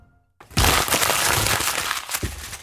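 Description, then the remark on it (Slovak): An old paper script being crumpled and thrown away, crumpling steadily for about two seconds, a dense, crackly rustle with sharp crinkling snaps throughout, fairly loud, after a short quiet start and with no voices. “Ten papier už nebudeme potrebovať. To je starý scénár. A prečo ho krčíš a vyhadzuješ?”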